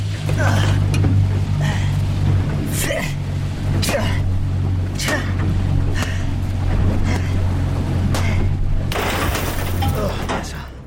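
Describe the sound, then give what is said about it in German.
Loud, steady engine drone with a deep low-frequency hum runs throughout, joined by bursts of splashing and rushing noise, as motorboats race across the water straight toward the listener. “Doch plötzlich rasen Motorboote auf mich zu.”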